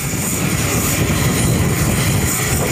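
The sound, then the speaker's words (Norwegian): A loud, steady airplane engine roars continuously with a broad rumble and hiss, unbroken, with no voices audible over it, as pallets are unloaded from a plane that has come from the EU in the town of Bunia, Congo, carrying equipment for the fight against Ebola. “I byen Bunia lastes det paller av et fly som har kommet fra EU.”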